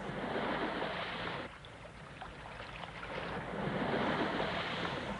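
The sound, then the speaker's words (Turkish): Steady rushing surf and wind with a boat's broad churning noise, dipping briefly then swelling louder toward the end as if the boat draws closer over the waves. No voices. “Bir tekne geliyor sahip.”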